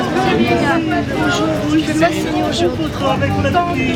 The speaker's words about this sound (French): Le 28 août dernier, à 2 semaines du coup d'envoi de ses concerts, … prend ses quartiers dans la capitale. Elle est accueillie par une foule dense.